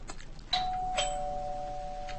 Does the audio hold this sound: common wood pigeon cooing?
no